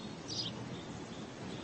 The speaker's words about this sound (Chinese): 四月正是花开的季节，麻雀在枝头鸣叫。